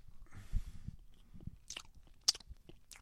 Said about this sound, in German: Schmatz nicht so. Ist ungehörig.